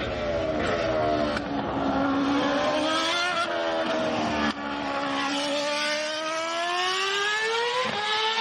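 A loud Formula 1 racing car engine screams continuously, its pitch dropping and climbing again through rapid gear shifts, steady for several seconds with no talking.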